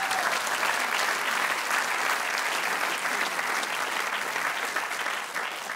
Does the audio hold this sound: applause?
yes